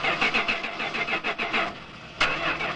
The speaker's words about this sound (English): Oh, this is so frustrating. That's the fifth time this car refused to start. I think it's finally time to replace it.